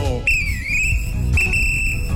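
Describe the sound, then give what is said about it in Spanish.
A referee's whistle sounds two long, shrill blasts, the first dipping slightly in pitch before leveling off, the second held steady, over a low rumbling background. “No esperes el pitazo.”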